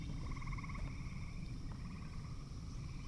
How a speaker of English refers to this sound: Night has fallen now, and the soundscape is now dominated by frogs.